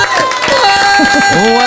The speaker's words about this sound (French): On vous applaudit ou pas? Allez, on vous applaudit.